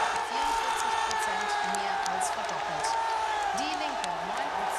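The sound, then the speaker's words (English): A large crowd cheers loudly and continuously at election results in Saxony-Anhalt, Germany, as the AfD tops the polls, with scattered whoops and rising shouts cutting through a dense wash of voices and excited chatter. “The crowd here is going crazy as everyone tries to figure out exactly what it means for Saxony-Anhalt, but for Germany as well.”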